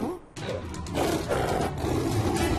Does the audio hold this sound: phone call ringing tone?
no